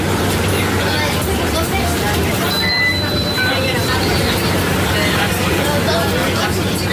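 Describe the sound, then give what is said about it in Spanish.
Steady rumbling interior of a city bus in motion through Barcelona, a constant low engine drone with a crowd of indistinct voices chattering throughout and a brief high whine partway through. “autobús urbano por Barcelona.”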